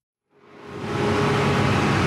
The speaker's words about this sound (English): It's noon on a Tuesday in my neighborhood in Bogota. Garbage bags line the streets, and you can hear the garbage truck coming down the hill.